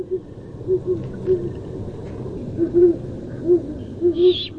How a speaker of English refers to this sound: You recognize that hoot? I was so thrilled I could hardly fall back asleep, but there was a great horned owl hooting out the window last night, hunting in the dark.